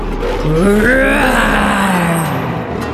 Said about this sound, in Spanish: Cuando Daniel llegó al foso, escuchó a los leones rugir.